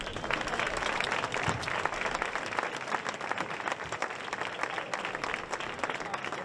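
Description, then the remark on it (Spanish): A large audience at the 45th Festival de Castiblanco, Kiki de Castiblanco, a flamenco night in Castiblanco, applauds steadily, dense clapping filling the space for several seconds at an even, loud level without pause. “Vamos a un aplauso.”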